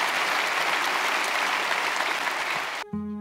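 Steady audience applause, a dense wash of many hands clapping at even loudness, ending abruptly as a tonal musical sting cuts in.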